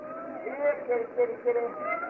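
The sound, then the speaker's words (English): Several thin, high kitten mews cry out in quick succession, four or so short wavering calls close together, slightly muffled and fairly quiet against a faint background hiss. “Stop your crying, kittens.”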